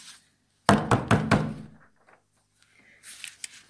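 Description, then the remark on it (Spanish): Four loud, hard knocks rap on the wooden front door of a home in quick succession, followed by a short silence and some faint rustling. “Pero la paz duraría poco, ya que se escucharía un fuerte golpe en su puerta.”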